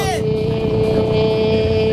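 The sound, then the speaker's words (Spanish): A voice imitates a motorcycle going by, a loud, steady engine-like drone that drops in pitch at the start and then holds for about two seconds. “La moto está pasando.”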